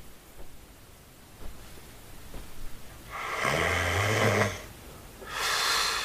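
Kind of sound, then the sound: human body sound, loud snoring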